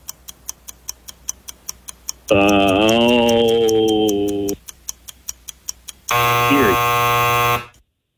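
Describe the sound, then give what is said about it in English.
A game-show countdown ticks steadily, broken by a long wavering tone, then a loud, harsh timer buzzer blares for about a second and a half before cutting off. “Sounded like you said Erie right before the buzzer went off.”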